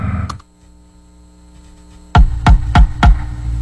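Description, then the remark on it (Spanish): Four loud, solid knocks on a house door in a quick, slightly uneven sequence, as friends arrive to celebrate a saint's day, over a steady electrical hum, with no voices. “¡Naldo! ¡Abre la puerta!”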